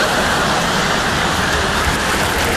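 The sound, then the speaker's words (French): A toilet flushing: a loud, steady rush of water that roars without pause for a couple of seconds, with no voices over it. “Je vais pour sortir, je tire la chasse d'eau et là...”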